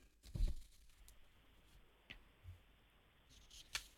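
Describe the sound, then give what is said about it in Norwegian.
Paper sheets rustle and crinkle, with a louder crumpling burst near the start and scattered brief handling noises and soft ticks afterward, no voices. “Det var så mye papir å rusle i.”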